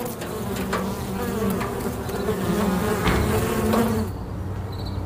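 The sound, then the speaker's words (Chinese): Bees buzz steadily in a sunflower field of over ten thousand mu in July, a dense, droning hum with a few louder passes, easing off slightly near the end. No one speaks. “在这上万亩向日葵田中忙碌的，除了蜜蜂”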